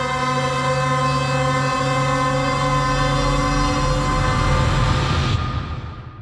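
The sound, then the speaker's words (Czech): A London Underground train, on the world's oldest underground railway, hums with a steady, layered electric whine over a low rumbling roar that grows stronger, then cuts away and fades at the end. No one speaks. “Londýnské metro je nejstarší podzemní dráhou na světě.”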